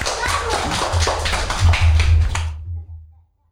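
A group claps hands in a quick, dense burst of applause lasting a couple of seconds, then it breaks off abruptly into silence. A low steady hum runs beneath it.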